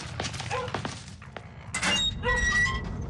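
Heavy thuds of someone pounding on a wooden door late at night, five or six irregular blows over a few seconds, followed by a louder stretch of rattling and muffled noise.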